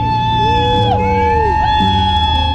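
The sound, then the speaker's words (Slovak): Thousands of people at the port in San Diego cheer and shout in a steady, loud roar. They are welcoming home about 5,000 crew of the aircraft carrier USS Abraham Lincoln after 10 months. Sustained horn-like tones and loud, bright music are layered over it for the whole stretch. “Tisíce ľudí ich vítali radostnými výkrikmi a hlasnou hudbou.”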